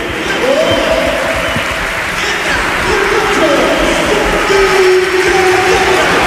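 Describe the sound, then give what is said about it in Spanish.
A football stadium crowd at the Carlos Tartiere, during an Oviedo match, cheers and applauds in a loud, unbroken roar for about six seconds, with some drawn-out chanting voices rising above the dense clapping. “Escuchamos el Carlos Tartiere.”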